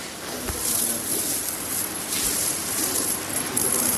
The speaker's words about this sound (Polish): Ale to radość, tak sobie pogrzebać w stosie monet. A to jest ogromna skrzynka.